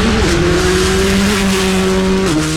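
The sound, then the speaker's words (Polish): A rally car engine roars loudly on a rally stage watched by spectators, holding a steady high-pitched drone before the pitch dips sharply near the end as it passes. No voices are heard. “Zapach benzyny, ryk silnika, prędkość.”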